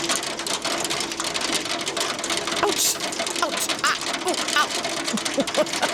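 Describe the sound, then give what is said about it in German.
Heavy hail from a summer thunderstorm cell pounds down in a dense, relentless rattle of countless rapid impacts, loud, with a steady roaring wash underneath and no break for the whole stretch. “Sondern auf einmal wird der Regen zu so einer ganz fiesen Gewitterzelle und einfach kein Regen mehr, sondern heftiger Hagel.”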